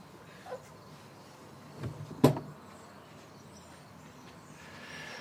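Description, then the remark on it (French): A door being opened by a woman at what looks like a French HLM housing block: a brief scrape followed by a sharp latch click and clunk, standing out from otherwise quiet surroundings with a low steady background hum. “Qui ouvre la porte.”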